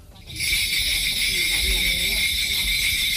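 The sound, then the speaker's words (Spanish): A dense, continuous shimmer of jingling bells from a Korean shamanic ritual (gut) starts abruptly and keeps up steadily and loud, with faint voices underneath. “Pues parece que llega Papá Noel, ¿no? Sí, pasa el trineo.”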